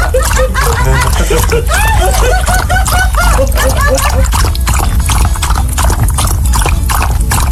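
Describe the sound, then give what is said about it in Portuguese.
A jaguar drinks water with a steady run of wet, rhythmic lapping sounds, fairly loud, while people's voices rise and fall in the background. “É sede que não acaba mais. A onça está bebendo água.”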